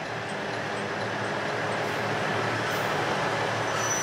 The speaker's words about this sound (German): In Nanao treffen sich der Hana Yomenoren und der Satoyama Satomi, der Ausflugszug der Noto Railway.